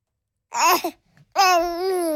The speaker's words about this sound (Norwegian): Ja, hva var dette lyden av? Dette var babygiggling.